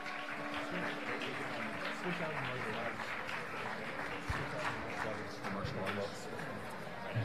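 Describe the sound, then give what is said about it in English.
A live audience breaks into sustained applause for a band at a live music show, a dense patter of many hands clapping that stays fairly steady for several seconds, with crowd voices mixed into the noise. “You all get together and make another big round of applause for … and his fine band tonight.”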